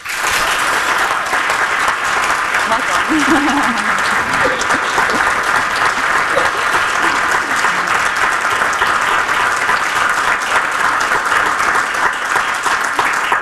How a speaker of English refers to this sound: Another round of applause for an incredible Palestinian writer, woman.